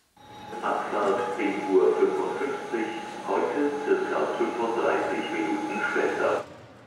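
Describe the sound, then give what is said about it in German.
Busy main train station hall ambience at the Hauptbahnhof in Hannover: a steady wash of crowd murmur and indistinct voices echoing, with a faint constant hum running underneath throughout. “Vom Reisen träumen darf man am Hauptbahnhof in Hannover.”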